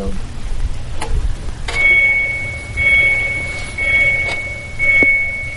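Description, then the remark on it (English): An electric car's reverse warning sound: a high electronic tone pulsing in a slow, steady rhythm, sounding about four times over a low idling rumble. “Sounds like a truck backing up.”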